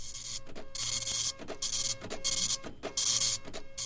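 A fax machine printing, with bursts of bright mechanical buzzing and whirring that repeat in a steady rhythm, broken by short clicks, and a low hum underneath, without any voices.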